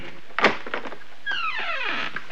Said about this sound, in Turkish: Ta Zeyrek mahallesine geldik. Ah, durdu. Kapıyı açıyor.